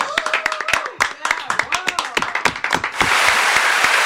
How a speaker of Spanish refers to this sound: ¡Aplausos!